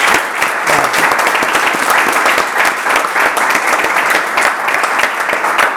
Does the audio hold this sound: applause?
yes